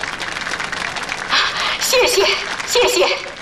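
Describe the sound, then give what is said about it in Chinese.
A crowd claps steadily for several seconds, a dense crackle of many hands, welcoming the president of the Huailai County Loving Parents Volunteer Service Alliance to speak at its founding, while voices call out and chatter over it, growing louder toward the end. “是我们的会长，让我们用掌声欢迎她给大家讲几句。”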